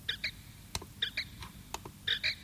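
A simulated, slightly electronic-sounding tit call played from the Birdie Talk app (Talk Simulator v0.27 Rook) to call tits: three pairs of bright, high chirps at a steady pace, with a few sharp clicks in between over a low background hum.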